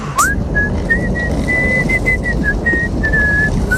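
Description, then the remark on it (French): A person whistles a pop tune, a clear, steady melody of short gliding notes at moderate loudness over a constant low background rumble, with no talking. “Est-ce que pour se quitter, vous pourriez me siffler un petit truc?”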